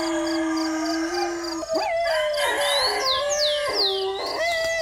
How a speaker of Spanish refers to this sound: Que ahí estás oyendo y oyendo a ese aullido de perro.